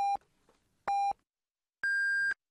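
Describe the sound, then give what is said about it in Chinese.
Two short, identical electronic beeps a second apart, then a longer, higher-pitched tone, loud and clean with no voices: time signal pips on Yicai Radio (第一财经广播) in China, marking 13:30 Beijing time. “现在是北京时间13:30。让投资更高效的汇正财经，请您准确对时，投资之路精准把握每一刻。”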